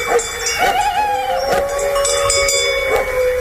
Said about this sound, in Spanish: Lejos, no era un peligro. Sí, está lejos, pero ladra el perro ya avisando.